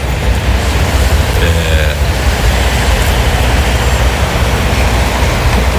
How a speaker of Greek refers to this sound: Είμαι στις αναχωρήσεις. Ακούτε τα λεωφορεία, τα αυτοκίνητα που περνάνε. Έχει κινητικότητα.